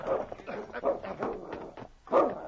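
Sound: dog barking and growling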